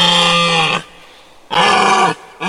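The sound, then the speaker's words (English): A deer gives deep, loud, drawn-out grunting calls, two long groaning bursts separated by a short pause, with a third just beginning at the end. No voices are present. “Well done if you said our creature calling in today is a deer.”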